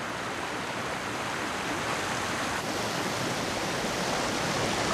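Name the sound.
bubbling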